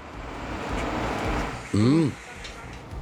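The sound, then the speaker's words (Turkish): A garbage truck arriving, its heavy engine rumbling steadily, then a brief loud rising-and-falling whine cuts in before the rumble continues. “Vay, gelen çöp kamyonuymuş.”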